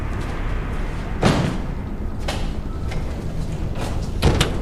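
A door is pushed shut, giving a few dull thuds and knocks spread over several seconds against a steady background hiss, with the firmest bang near the end.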